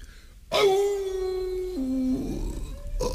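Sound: wolf howling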